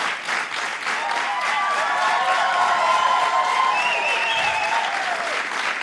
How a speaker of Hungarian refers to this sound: Köszönöm szépen! Hát ekkora taps cunamira nem is számítottam.